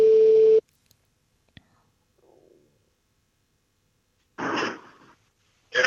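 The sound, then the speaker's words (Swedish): A loud, steady telephone ringing tone sounds once at the start of an outgoing call, then cuts off. A click, faint rustling and a short muffled burst of sound follow. “så att självklart ringer honom. Så får vi se om han är redo.”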